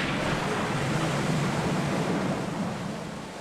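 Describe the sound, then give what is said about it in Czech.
A steady, dense, loud roar of churning water and surf as the ship Argo pushes through a storm's rough waves at a speed of 10 miles, holding constant before easing slightly at the end. “Argo se probíjel rychlostí 10 mil.”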